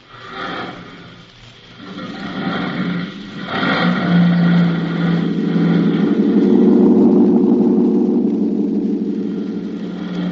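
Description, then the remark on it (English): A van's engine starts and revs up, its low steady rumble building and holding loud as the vehicle drives off, with a few brief clunks at the start. “And then quickly he gets in the cab and drives off.”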